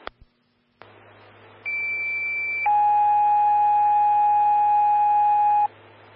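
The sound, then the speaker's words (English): Fire dispatch alert tones over a radio channel for Evergreen Fire, Station 2, Engine 132 and Medic 122, called to respond on a fall: after a click and a burst of hiss, a steady high tone sounds for about a second, then shifts to a lower, louder tone held for three seconds. “respond on a fall, 31739 Quarter Voice Road, within time of tone, 1428”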